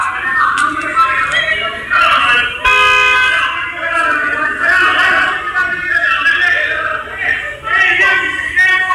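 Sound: car horn honking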